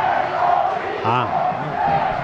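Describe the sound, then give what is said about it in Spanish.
Fans at El Collao stadium roar and chant together during an Alcoyano football match against Cieza, a loud, continuous wall of sound, with a sustained collective shout swelling briefly in the middle before settling back into steady cheering. “El disparo de Loren, que la luchó, que la peleó y que alienta al público del Collao. Escuchen.”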